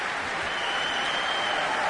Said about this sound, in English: And that big cheer as David Childs, who played that remarkable euphonium solo in Peter Graham's Force of Nature, comes out to join the line at the front of the stage. … bow together with conductor Nicholas J. Childs